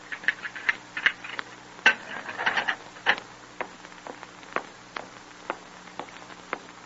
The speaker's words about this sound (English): the clanging of the outer gate and hollow ring of footsteps approaching down the long, stone-flagged corridor leading to his cell.